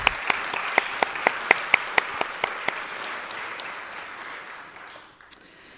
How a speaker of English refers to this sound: I think we may also have some folks from Pittsburgh Center for Creative Reuse here, if they are. Oh, right here! Round of applause for the help of judging.